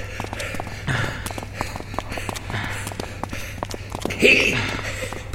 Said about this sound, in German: Nicht so laut. Dein Keuchen kann man durch das ganze Museum hören.